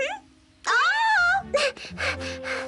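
A young one cries and wails, starting with a drawn-out, wavering high whine and breaking into several short, choppy sobbing bursts, fairly loud, with no talking.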